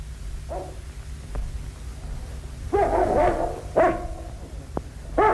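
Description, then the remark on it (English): A dog, Carlo, barks several times in short, irregular bursts, a faint yelp first, then louder barks over a steady low rumble, with no voices. “Do you hear anything? The dog does.”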